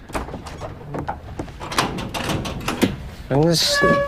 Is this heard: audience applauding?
no